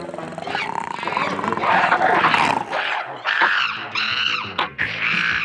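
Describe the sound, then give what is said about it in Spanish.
Deep, snarling growls from giant red-haired ape-men emerging in darkness as iron gates rise, rumbling and overlapping continuously, loud, rising into harsher roaring bursts toward the end. “Las rejas de hierro se levantan y en la oscuridad emergen las bestias de Mongo.”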